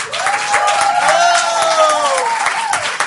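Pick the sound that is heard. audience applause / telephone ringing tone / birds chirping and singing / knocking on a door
audience applause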